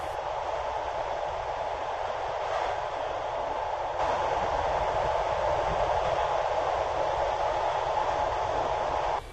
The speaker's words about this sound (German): Die Nacht war kurz, aber schön und der Zug rollte weiter in Richtung Süden.